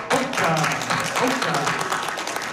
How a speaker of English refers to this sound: So once again, let's give our little ones a round of applause.